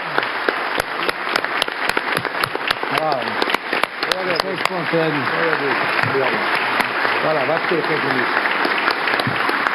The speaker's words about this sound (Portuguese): Então, só finalizando, eu gostaria uma salva de palmas calorosa para o doutor Nico, que representa essa nossa gratidão. Poxa, é isso mesmo, em pé.